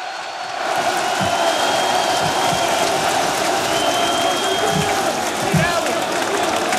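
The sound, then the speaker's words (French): A large Parisian crowd on the Champ de Mars in Paris cheers and claps steadily as Paris Saint-Germain player Warren Zaïre-Emery goes on stage at a team presentation, a dense, loud wash of applause and shouts that swells in after the first half-second and holds, with scattered whoops rising above it. “Warren Zaïre-Emery dans son style, quelques applaudissements, mais lui aussi a été chaleureusement acclamé par la foule parisienne sous le Champ de Mars.”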